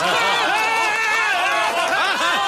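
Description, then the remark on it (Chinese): Villagers clap steadily to welcome a candidate onto the stage for a village election campaign speech, a dense, continuous wash of applause mixed with overlapping voices and some cheering, holding loud and even for the whole moment. “大伙儿啊，鼓掌欢迎。”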